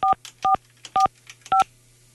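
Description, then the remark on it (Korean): Four crisp telephone keypad tones beep in a steady rhythm, each a short two-pitch chirp, loud, with faint background hum and no talking, as a call is placed to a listener's regular telephone. “4445 일반 전화로 갑니다”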